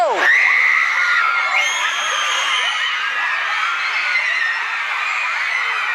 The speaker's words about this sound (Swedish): Ja, ni hör skrikande fans och en livvakt som förgäves försöker få fans att inte blockera vägen.